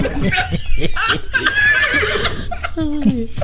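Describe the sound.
A loud horse whinny with a shaky, wavering pitch that rises and falls for a few seconds, with other voice-like sounds tangled in around it.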